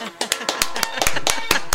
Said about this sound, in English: Oh, no, that was... Wait, let me try this again. Maybe if I do a slow clap.